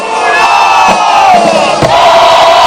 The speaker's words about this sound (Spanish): se presenta la juventud de la Venezuela al sur del componente Armada Bolivariana, que gritan a viva voz su lema: Dios y Patria.